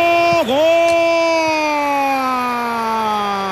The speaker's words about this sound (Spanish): Gol. A la derecha. A la izquierda del portero. El grito de gol. Lo gana Suiza 2-1.